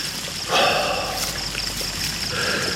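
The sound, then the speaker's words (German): A marble fountain in a flower garden at night sprays water into jasmine-scented air in a steady, continuous splash and hiss at moderate loudness, swelling briefly near the start, with no voices present. “Ein Marmorspringbrunnen sprühte Wasser in die vom Duft der Jasminblüten erfüllte Luft.”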